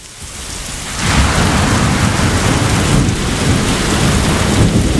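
Heavy rain pours down in a dense, steady hiss, swelling sharply after a quieter first second, with deep thunder rumbling underneath throughout. No voices.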